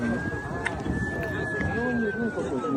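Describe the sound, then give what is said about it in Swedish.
An emergency vehicle siren wails steadily in a long, slowly bending tone, fairly prominent over a busy, noisy street background with indistinct voices, in the dark in central Moscow, among flashing emergency vehicles after a drone struck a 52-storey luxury building. “Chockade människor vandrar förbi bråte och glas i mörkret bland blinkande utryckningsfordon.”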